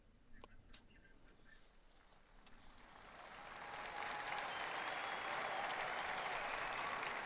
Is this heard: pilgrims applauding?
yes